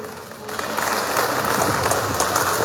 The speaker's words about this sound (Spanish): Fuertes los aplausos, hermanas y hermanos presentes.